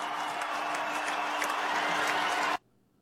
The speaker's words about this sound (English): And just listen to the ovation that LeBron James gets when his name is announced as a part of the Los Angeles Lakers starting lineup.